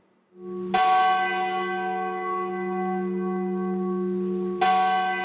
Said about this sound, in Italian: I rintocchi delle campane, 23, come i nomi delle vittime della tragedia di 10 anni fa. È il suono che spezza il silenzio nella piazza davanti alla stazione di Andria,